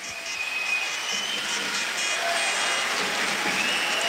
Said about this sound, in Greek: Ο Αντούτος που χειροκροτείται από το κοινό της Κρήτης.